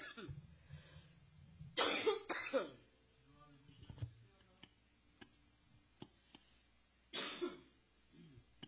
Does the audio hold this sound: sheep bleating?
no